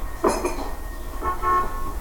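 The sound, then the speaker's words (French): Two short horn toots, a bright, buzzy blast followed a second later by a slightly longer, steadier one, sounding over a low background rumble. “Oui, c'est juste après le tutut.”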